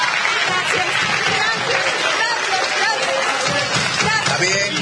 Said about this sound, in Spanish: Un aplauso para esta madre, por favor, un aplauso.